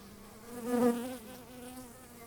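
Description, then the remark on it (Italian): A steady buzzing of a honeybee drone, a low droning hum that swells louder for a moment near the middle, then settles back to a continuous buzz. “Adesso volevo farvi vedere il fuco. Il fuco è questo qua.”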